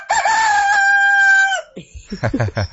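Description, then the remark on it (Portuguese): A person imitates a rooster's crow, mimicking how a pastor does it, with one long, loud, drawn-out cock-a-doodle-doo, followed by a brief burst of lively talking or laughter. “tá imitando o senhor, imitando o galo.”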